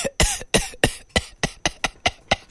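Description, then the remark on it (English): A voice imitates a car engine sputtering and coughing while traveling by road in light rain, with about nine quick, evenly spaced breathy bursts, fairly loud, with no other talking. “As we dey for moto, rain come dey fall small small. Before you know, moto come dey cough.”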